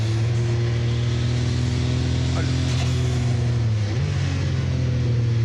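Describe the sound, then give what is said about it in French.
An 800-horsepower race car engine drones loudly, holding a steady pitch before it steps up and climbs as the car accelerates hard out of a 180-degree hairpin near the end. “Là, faut faire super gaffe à l'accélération à la sortie du 180. Parce que c'est un virage en appui, il y a 800 chevaux à gérer.”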